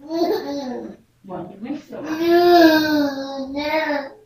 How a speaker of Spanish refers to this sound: Wow, está llorando, Ay, a ver. Sí, a ver. ¿Quién, a quién le está llorando al niño ahí?